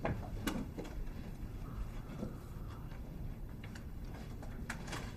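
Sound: door closing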